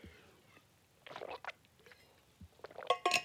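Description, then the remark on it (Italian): Faint, wet sipping and swallowing noises from someone drinking a sip of water from a glass, coming in two short clusters of soft slurps and gulps with quiet pauses and no talking. “Scusate, bevo un sorso d'acqua per evitare la tosse di ieri.”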